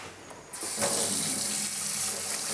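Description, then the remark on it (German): A tap is turned on about half a second in, then water runs steadily in a bright, broad hiss, fairly loud, as a young tortoise is rinsed clean under the faucet so its shell can be photographed. No one speaks. “Okay, dann ans Wasser. Gut, ja. Waschen wir sie. Spülen wir sie eben ein bisschen ab.”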